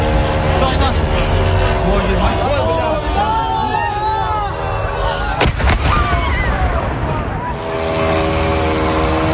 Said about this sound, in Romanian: Angajații companiei rusești de comerț online au văzut cum drone venite de la sute de kilometri depărtare zboară pe deasupra lor și explodează.